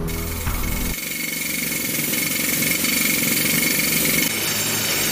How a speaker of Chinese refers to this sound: 在靠近隧道掘进岩面方向的位置，地质检测人员正在硬岩掘进机两侧的岩壁上钻孔。钻孔完成之后，他们往里面装入了一种神秘的仪器装置